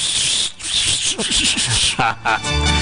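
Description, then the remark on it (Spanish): A failed attempt at whistling by a person who has no teeth: steady, breathy rushing air with no clear whistle tone, broken by brief voiced murmurs and a short buzzy sputter toward the end. “Como no tengo dientes, no puedo silbar.”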